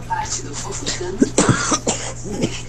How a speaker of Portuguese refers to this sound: Tossindo.